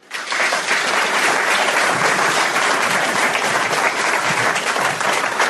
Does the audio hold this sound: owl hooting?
no